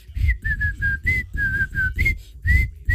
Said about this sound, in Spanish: A mí me gusta silbar. Sí, está chévere. Yo también sé silbar, mira.